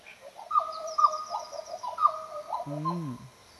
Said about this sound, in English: Now that we've got the black butcher bird.